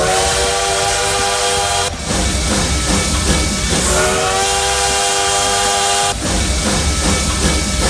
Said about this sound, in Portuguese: E o trem bala já por aqui, ó, aquecendo os motores.